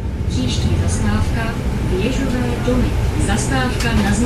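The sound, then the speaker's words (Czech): A recorded stop announcement plays over the loudspeaker of city bus number 31 in Zlín, Czech Republic, which runs between Mladcová and Jaroslavice; a single voice speaks steadily above the constant low rumble of the engine of the moving bus. “Ozývá se z reproduktoru autobusu s číslem 31, který ve Zlíně pendluje mezi Mladcovou a Jaroslavicemi.”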